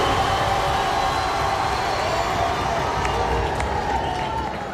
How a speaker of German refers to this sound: Ja, Applaus.